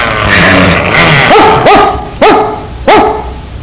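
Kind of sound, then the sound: animal, dog barking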